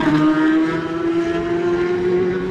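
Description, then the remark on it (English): A racing motorcycle engine roars loudly and continuously, its buzzing tone climbing slowly in pitch as it accelerates hard away from the start line, with no voices over it: Barry Ferber on the DC Motorcycles Honda in the Superstock race. “Listen to Barry Ferber going away”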